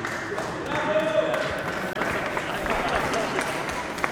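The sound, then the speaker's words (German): An audience applauds steadily for several seconds, a dense wash of clapping hands that holds at an even level, with a few murmuring voices mixed in. “Okay, erst kurz ein Applaus”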